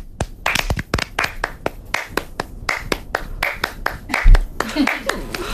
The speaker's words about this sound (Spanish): ¿qué vamos a hacer? Un ritmo de palma. Pero cada una a su bola. O sea, claro. Un ritmo de palmas.